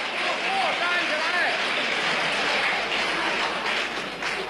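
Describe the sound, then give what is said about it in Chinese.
A large stadium crowd, on its feet, roars and cheers steadily, with applause mixed into a dense, unbroken wall of voices and shouts that stays loud throughout and fades slightly at the end, celebrating Chinese player Zhuang Zedong's 3-0 win over Japanese player Takahashi Hiroshi. “这是全场观众再次起立，为我们中国队员取得最后的胜利而欢呼。”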